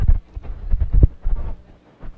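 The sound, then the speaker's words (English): Wind, blowing in from left center at a baseball game, buffets the crowd microphone in loud, uneven low rumbling gusts that swell and drop several times, with no voices over the blustery noise. “That's just the wind going into the crowd mic.”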